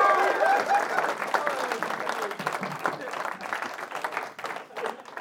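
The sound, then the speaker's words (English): An audience applauds Mars Timms steadily for several seconds, a dense wash of many hands clapping with a few brief whoops and cheers rising early on, then gradually thinning toward the end. “Keep it going for Mars Timms, everybody.”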